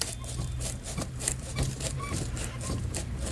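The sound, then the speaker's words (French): A hand-cranked phonograph spring motor, wound up inside an apparatus, runs with a steady low mechanical hum, overlaid by a regular ticking clatter of light clicks repeating several times a second, with no one speaking. “C'est un moteur de phonographe qui est dedans.”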